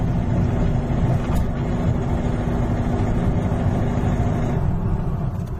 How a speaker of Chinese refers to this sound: 不是，是后边的里边有一点被除了发动机咕噜咕噜这个稳定的线性声音以外，后边还有咔嚓咔嚓咔嚓这个声音，